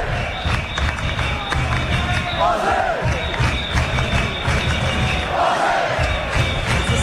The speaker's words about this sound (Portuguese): Ó, sobe o som aí. Agora eles estão gritando Austrália. Sim.